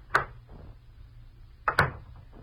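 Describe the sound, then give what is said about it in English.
An office door in a brand new building clicks open, and after a short pause it swings shut with a quick double knock of the latch and frame, with no talking. “I stepped outside the office door and walked over to the brand new stairway of that brand new building.”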